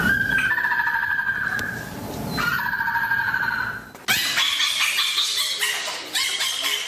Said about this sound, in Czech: Určitě jste o jedné z nich už také slyšeli, třeba takový fenek, malá pouštní liška, která vypadá, jako kdyby ji někdo omylem přidělal uši o 3 čísla větší. Tak to dělá fenek.